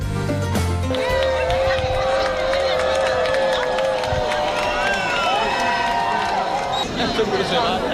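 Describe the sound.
A large crowd in A Coruña cheers and applauds at the exact moment of a total solar eclipse, in a steady, loud roar, with excited voices rising and falling and high shouts or whistles sliding above the clapping throughout.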